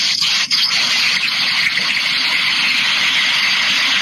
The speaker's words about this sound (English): it's raining, right? It's raining and pouring. We can hear it like it's a toilet flushing.